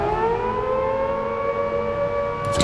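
A loud, steady prison alarm siren wails continuously, sounded after guards find three empty cells, its harmonic tones holding a sustained pitch that gently bends, with no voices present.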